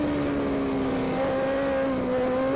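High-revving 600cc racing motorcycle engines drone loudly and steadily as the bikes pass the finish line on the Modena circuit, their pitch shifting slightly. No one speaks.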